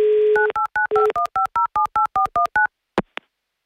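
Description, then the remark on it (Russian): A steady dial tone breaks into a quick series of about eleven crisp, evenly spaced touch-tone beeps as a call is dialed again, followed by silence and then two sharp clicks on the line as the call is connected. “Наберем еще раз.”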